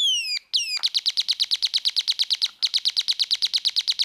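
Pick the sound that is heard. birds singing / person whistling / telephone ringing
birds singing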